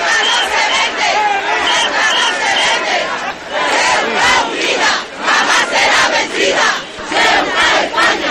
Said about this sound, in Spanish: Miles de ceutíes, alrededor de 10.000, se lanzaban a las calles para gritar con fuerza, además.